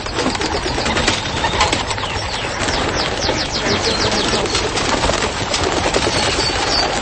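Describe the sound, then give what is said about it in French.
A dense flurry of flapping wings as a pigeon fancier's flock of pigeons takes off in the morning at an organic farm in the Yvelines, France, flying between two common buzzards; rapid fluttering beats overlap in a continuous rustle, with faint bird calls mixed in. “Les pigeons qui volent entre deux buses variables.”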